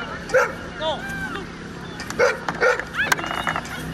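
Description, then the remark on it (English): Several dogs bark and yip in short, irregular bursts over a steady murmur of people chatting in the background at a dog show and dog sport competition attended by hundreds of dog lovers. “This weekend saw hundreds of dog lovers and their furry pals taking part in competitions, bringing the community closer together.”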